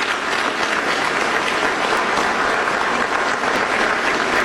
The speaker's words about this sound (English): You're gonna get to clap. You're gonna get to clap for Jason in 20 seconds.